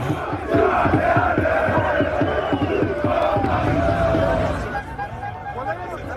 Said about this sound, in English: Celebrations filled the streets of Paris overnight, though some clashes with police broke out as crowds gathered to mark the moment.